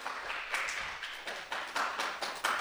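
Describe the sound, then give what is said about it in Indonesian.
An audience at SDN 1 applauds a pupil's performance with a steady wash of hand claps, and brighter, louder claps stand out roughly every half second. The applause is fairly soft overall, with no voices audible. “Oke, tepuk tangannya mana ini?”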